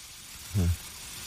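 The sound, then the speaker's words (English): A steady, moderately loud sizzling hiss of an elixir poured onto a woman's body, eating away at her skin, runs throughout, interrupted midway by a brief low, droning burst lasting a fraction of a second. “The elixir is eating away at her skin.”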